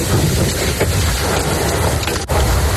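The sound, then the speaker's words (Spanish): A heavy downpour with hail in Macael, in northern Almería, pounds down in a dense, unbroken, loud roar, with a brief momentary dip near the end. No voices are heard. “El Macael, en Macael, en el norte de Almería, ha caído un fuerte aguacero con granizo.”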